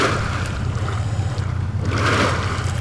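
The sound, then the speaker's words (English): Colorado River water pours steadily out of a pipe into big holding ponds owned by the utility EPCOR in the master planned community of Anthem, about 9 miles from the canal: a continuous rushing, bubbling wash with a low rumble underneath, loud, swelling slightly near the end. No voices. “About 9 miles from the canal, in the master planned community of Anthem, Colorado River water is coming out of a pipe, bubbling into big holding ponds.”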